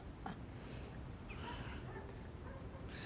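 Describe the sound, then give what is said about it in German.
A wounded dog that has been shot whimpers softly in a few thin, high whines, faint against a low, steady background rumble, with no one speaking. “Sie haben auch unseren Hund erschossen.”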